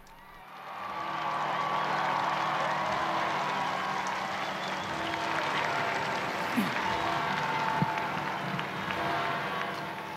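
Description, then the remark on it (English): An enthusiastic crowd applauds and cheers to welcome the Pope as he appears for the Sunday liturgy, a steady, dense wash of clapping that swells within the first second and holds loud throughout, with scattered shouts rising above it. “We join this enthusiastic crowd to welcome the Holy Father.”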